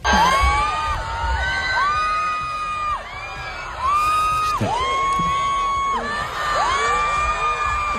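A huge stadium crowd at a concert in the Bernabéu screams and cheers continuously, rising and falling in long collective shrieks and whoops, loud and dense with no clear pauses.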